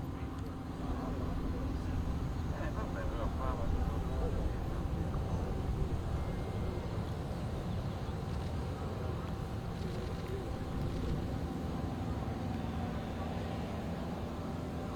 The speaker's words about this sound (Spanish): Es el habitual sonido, ¿no?, de un aeropuerto, uno cualquiera, pero este es muy especial porque estamos escuchando los motores de este Airbus de ITA Airways que va a llevar al Papa León XIV a nuestro país.